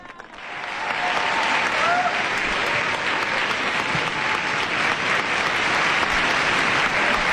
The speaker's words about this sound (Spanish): El aplauso que recibe al Santo Padre, esa gran aclamación de todos los participantes en este encuentro.